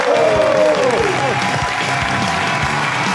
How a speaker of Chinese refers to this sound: 那我们接下来请上我们今天嘉宾，影视演员也是著名的主持人苗博老师，掌声有请。